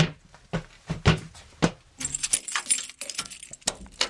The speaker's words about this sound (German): Und da vorne ist nochmal eine große Tür, eine schwere, die müssen wir noch aufschließen, ne? Ja, aber zum Glück habe ich ja den Schlüssel.